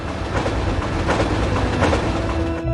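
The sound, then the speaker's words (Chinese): A train rolls steadily along the rails, a loud rumble with a rhythmic clickety-clack of wheels over track joints, easing off right at the end. No one speaks. “他在火车上思考了一路。”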